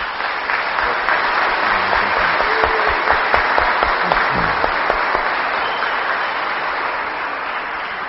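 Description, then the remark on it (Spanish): An audience at Sunday Mass applauds a priest on his last Sunday, steadily for several seconds, a dense, even wash of many hands clapping at a constant loud level, with faint voices briefly audible underneath. “Así que les pido un fuerte aplauso para él.”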